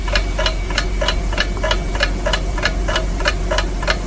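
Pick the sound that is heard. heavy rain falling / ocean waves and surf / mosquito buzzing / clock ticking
clock ticking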